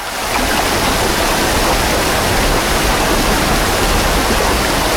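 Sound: flowing river water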